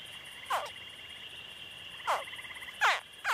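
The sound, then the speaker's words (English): Baby crocodiles, fully developed inside their eggs in a nest hidden under a mound of plant remains, give four short, descending chirps, spaced irregularly, the last two coming closer together, over a steady high insect-like hum with no talking. “These chirps are also heard outside the nest.”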